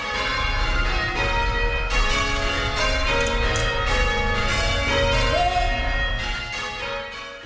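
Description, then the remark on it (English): The church bells of Christchurch Cathedral in Victoria ring loudly and continuously, overlapping peals of many tones blending into a dense, reverberant wash that fades slightly near the end, with no voices. “Christchurch is marking 90 years of bell ringing this month.”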